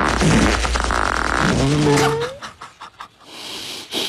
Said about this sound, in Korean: 그때 알았죠. 아, 밤에는 내 방귀 소리가 아래층까지 들리는구나.